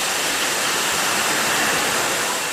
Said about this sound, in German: Hier rasen gerade Wasserflaschen übers Förderband. In Sekundenschnelle befüllt eine Maschine die leeren Flaschen mit Mineralwasser. Dann kommt noch ein Etikett drauf. Bei dem Getränkehersteller in der Südpfalz ist gerade absoluter Hochbetrieb